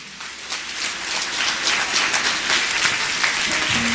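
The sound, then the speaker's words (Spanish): An audience claps steadily, a dense wash of many hands that swells slightly and holds at a strong, even level throughout, with no voices standing out. “Alábale fuerte, fuerte esos aplausos, más fuerte.”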